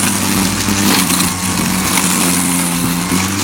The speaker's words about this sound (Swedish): Hej, vad är det för ljud tror du? En grästrimmer. Ja men visst är det en grästrimmer.